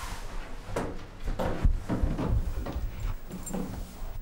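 The door of a transport crate holding two young coatis is opened in a hallway, with a series of clunks and rattles, several knocks and scrapes spread unevenly over a few seconds, with no voices.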